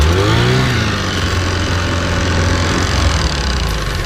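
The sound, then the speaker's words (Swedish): A small two-stroke engine buzzes loudly and steadily, its pitch rising and falling as it revs up near the start before settling into a constant, rattly drone throughout. “Kolven blottlägger och blockerar turvis portar i cylinderväggen i takt med att avgaserna strömmar ut och ny bränsleluftblandning kommer in.”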